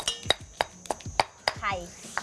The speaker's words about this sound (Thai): ระหว่างที่มะตำตัวพริกแกงนะคะ